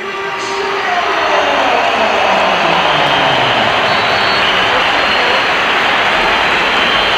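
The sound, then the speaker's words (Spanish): A large stadium crowd whistles in disapproval, a dense, shrill, sustained wash of sound that swells in the first second and then holds loud and steady throughout. “Aquí se han oído pitos, pero claro, pero a lo mejor creo, en el campo se han oído también aplausos.”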